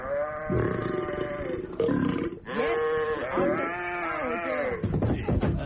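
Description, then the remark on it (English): Loud sheep bleats from sheep drunk after eating leftover pressed grapes, drawn out and warbling, come one after another for several seconds with barely a pause. The cries sound slurred and wobbly. No one speaks. “After stopping on the pressed grapes, his sheep were now completely bladed. Okay, they started out sounding like this.”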